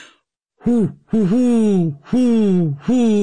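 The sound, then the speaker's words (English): A person imitates a great horned owl with four low, hooting calls in a stuttering rhythm, the second slightly broken, each a deep, breathy hoo sliding gently downward. “Well, I can do a great horned owl, which sounds, I'm not great, but here we go.”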